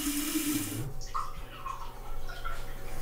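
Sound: tap water running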